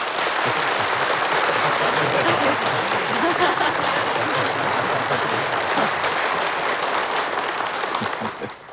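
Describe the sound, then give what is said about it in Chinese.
A large audience claps in sustained, dense applause that stays loud and steady for several seconds before tapering off slightly at the end, with a faint murmur of voices mixed in. “无论谁做报告，听众少鼓掌，甚至不鼓掌。”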